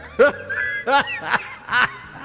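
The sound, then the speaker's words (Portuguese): A chicken squawks four times in quick, evenly spaced bursts, each call loud and harsh, with brief quiet gaps between them and no talking. “Tadinho do frango, né?”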